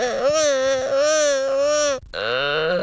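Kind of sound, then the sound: animal, gelada monkey vocalizations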